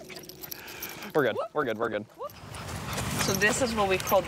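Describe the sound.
In New York State, dogs getting ready to go out for their walk along the street: a few short, high, whining yelps come in quick bursts, then rustling and jingling like keys or leash tags, with brief voices mixed in.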